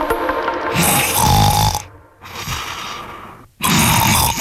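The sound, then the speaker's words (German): Loud snoring from one person: three long, rough, rasping snores separated by brief pauses, with the middle one a bit softer. No one speaks. “Bei der Hitze können manche richtig schlecht schlafen und auch nicht so gut schnarchen wie sonst.”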